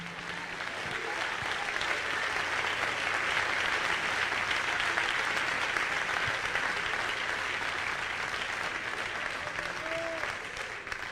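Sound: audience clapping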